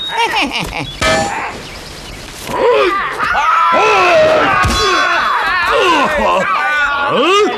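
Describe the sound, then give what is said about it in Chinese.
A sharp, loud blade chop rings out against the Monkey King's hard head as he lets himself be chopped three times, with a second strike later, amid strained groans, shouts and excited voices. “老孙就站在这儿，让你砍上三刀。”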